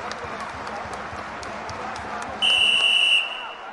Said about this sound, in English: As full-time whistle blows, I've never heard such thundering roars.